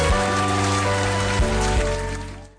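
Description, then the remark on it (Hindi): A crowd applauds participants who recited tongue twisters. A steady wash of dense clapping holds at an even level for a couple of seconds before tapering off at the end. A low sustained tone sits underneath. “तो आपके लिए भी और विषय के लिए भी ढेर सारी ताली।”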